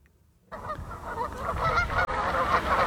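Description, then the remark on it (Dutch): A flock of geese honks loudly and continuously, their overlapping calls forming a dense, clamorous chorus, starting abruptly after a brief silence. “Ja, en deze ganzen staan te popelen om je met beide benen op de grond te zetten.”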